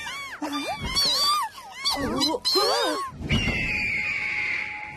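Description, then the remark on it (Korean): Animated voices chatter excitedly, then a golden eagle flying low lets out a long, high-pitched screech that holds for a couple of seconds and slowly falls in pitch, loud. “검독수리!”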